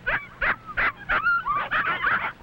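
High, thin whimpers and yips from seven 6-week-old puppies as their dinner is brought come in quick overlapping bursts, fairly loud, with a few longer whining cries mixed in and no talking.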